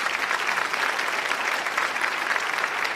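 Steady audience applause at a mahfil gathering fills the whole stretch, a dense wash of many hands clapping at an even, sustained loudness with no voices standing out.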